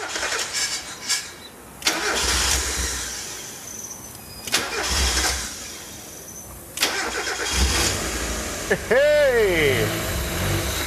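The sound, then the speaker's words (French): A car engine, jump-started with alligator clips after its electrical circuits had gone flat, cranks and catches in several bursts, roughly every two to three seconds, each burst loud and rough before cutting out, ending with a brief rising whine as it stalls because of a missing flow meter. “Ah, elle a calé. Mais le moteur marche et la pression d'huile est très bonne.”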